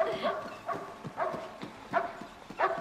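A dog named Tarzan barks steadily, about five sharp barks at a regular pace, moderately loud, with no one talking; the dog has scented something and is pointing at a bird.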